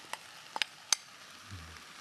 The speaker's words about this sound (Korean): 지금 자글자글 소리가 나면서 네. 잘 볶아지고 있어요. 자, 그러면 이렇게 충분히 얘를 볶았으면 이때 이제 닭가슴살도 같이 넣어도 돼요.